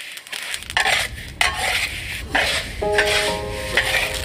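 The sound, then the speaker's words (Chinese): Sesame seeds are stirred and tossed in a hot pan, giving a continuous dry rustling scrape with bursts of clattering, plus a faint sizzle and a brief metallic ring partway through. “芝麻现炒，备出更浓郁的香味。”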